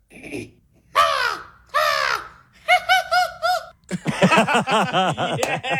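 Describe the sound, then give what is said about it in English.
A person imitates American crow caws: two drawn-out, harsh calls, then a run of quicker, choppier caws ending in a rapid, rising burst of rough, nasal squawks, loud. “So if you could give us the American crow, that would be great.”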